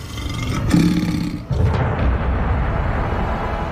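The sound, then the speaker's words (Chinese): Three lions roar and snarl in two loud, rough bursts, a deep throaty growl around the first second, then a harsher surge that rumbles on steadily to the end, with no voices. They are by a protective cage after tearing apart dummies while searching for food. “他们袭击了所有的模型并把他们撕碎，却没有得到食物，所以三头狮子知道保护罩里有某种食物。”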